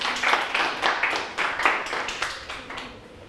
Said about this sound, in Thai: ปรบมือให้ตัวแทนหน่อยครับขอบคุณครับ